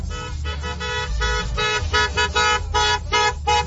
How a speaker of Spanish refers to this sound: ¡No! Todo el mundo accionando a Claxon aquí, en San Roque y prolongación.